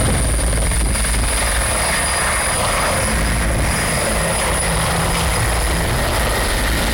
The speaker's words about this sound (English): The operation also has an air component, with helicopters deployed to designated target areas to provide area support, surveillance, and escorts for the ground troops. The helicopter flew over major flashpoints across Edo North Senatorial District